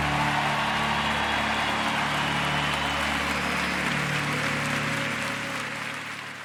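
An audience claps steadily in praise to the Lord for several seconds, a dense, even wash of applause that begins to thin and fade near the end, with a low steady hum underneath.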